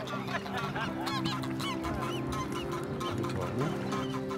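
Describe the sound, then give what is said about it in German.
A flock of geese in Hamburg honks continuously, many overlapping nasal calls rising and falling in a loud, busy chorus over a steady low background hum, with no one speaking. “Penthouse-Gänse. Sowas gibt's wohl nur in Hamburg.”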